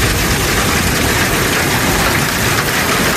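Heavy hail and rain pour down in a dense, unbroken roar, loud, with a constant hiss and patter of countless impacts and no voices, in the wider area of Larissa, Greece.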